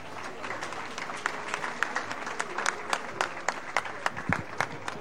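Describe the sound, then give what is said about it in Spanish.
An audience claps steadily for the participating local groups at the opening of the town's patronal festivities, a dense wash of many hands with sharper individual claps standing out, sustained for about five seconds without anyone speaking. “Un fort aplaudiment per a totes elles.”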